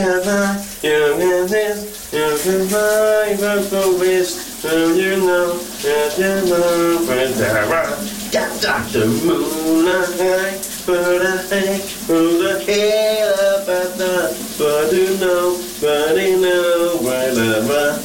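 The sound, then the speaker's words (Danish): Steady hissing rush of shower water in a bathroom runs throughout, continuous, while a man sings loudly over it during his morning shower. “det har vi den fornemme mulighed for at stille om til hver morgen her på VLR, når … præsenterer dagens brusebad sit”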